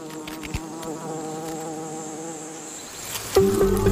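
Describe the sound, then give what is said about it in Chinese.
A steady, droning hum of many honeybees fills the air around a hive that sits right next to a huge ant nest, with one bee buzzing louder near the end; no one speaks. “蜜蜂的蜂巢紧邻一个巨大的蚁巢。目前来看，蜜蜂和蚂蚁似乎相安无事。”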